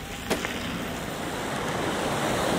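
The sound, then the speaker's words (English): The Utakura River rushes and burbles steadily beside a cycle trail west of Ōkaiho under a canopy of native bush, a continuous wash of flowing water with one brief knock near the start and no voices. “It burbles and gurgles beside us as we ride under a canopy of native bush”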